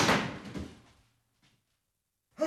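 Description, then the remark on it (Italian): A door being forced with a shoulder: a heavy, booming thud rattles and dies away over a second, a faint knock follows, then another hard blow lands at the end. “O butterò giù la porta!”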